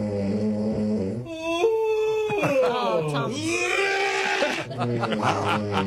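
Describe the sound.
A person snores loudly in long, voiced, groaning breaths whose pitch wavers and slides up and down, almost like an animal's howl or bleat, continuing for about six seconds.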